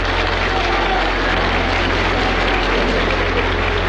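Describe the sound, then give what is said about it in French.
Dense, continuous applause fills the large circular hall of the Parliament as King Baudouin enters at 11 o'clock. It is steady and loud from start to finish, with a low rumbling hum beneath the clapping. “À 11h, sous les applaudissements, le roi Baudouin entre dans la grande salle circulaire du Parlement.”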